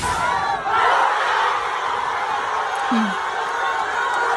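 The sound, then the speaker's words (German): A huge crowd of Argentina football fans at a World Cup public viewing in Argentina roars and cheers continuously, a dense wall of shouting and whooping voices that stays loud throughout with no pauses. “Und ich glaube auch die Argentinien-Fans waren sehr glücklich, weil so klang das gestern beim Public Viewing in Argentinien.”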